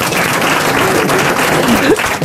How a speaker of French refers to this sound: Ça t'applaudit, ça, hein.